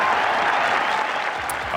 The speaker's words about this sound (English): And what a cheer.